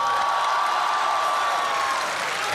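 A theater audience at a Deyunshe crosstalk (xiangsheng) show applauds continuously after performer Yue Yunpeng introduces himself, a dense, even wash of many hands clapping at steady loudness from start to finish, with no one speaking over it.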